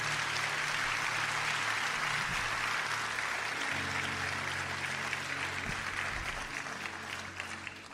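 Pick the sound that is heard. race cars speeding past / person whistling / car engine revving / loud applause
loud applause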